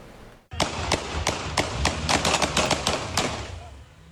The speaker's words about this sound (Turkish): Küçükçekmece sokakları silah sesleriyle yankılandı. Polis ekipleri dur ihtarına uymayan otomobile uyarı ateşi açtı. İkinci Hürriyet Caddesi'nde görev yapan polisler şüphelendikleri bir otomobili durdurmak istedi.